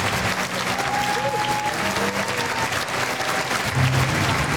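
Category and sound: crowd, concert audience applauding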